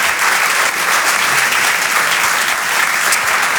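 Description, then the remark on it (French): A crowd applauds comedian Flora Amara on Rire et Chanson, a dense wash of clapping hands that holds at an even level throughout without any talking over it. “Vous pouvez l'applaudir très très fort, Flora Amara, sur Rire et Chanson.”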